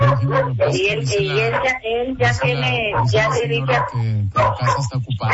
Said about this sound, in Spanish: Ahí calla el perro. Bueno, sí, dígame. A ver, es que se oye mucho el perro.